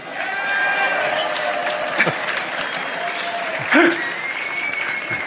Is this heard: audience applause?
yes